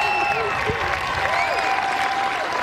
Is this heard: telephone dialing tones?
no